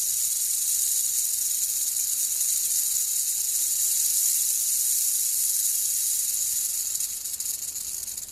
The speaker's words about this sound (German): war ein lautes Zischeln am Eingang ihrer Hütte zu vernehmen. Die Schlange glitt hinein und rollte ihren langen, grün-grauen Körper auf.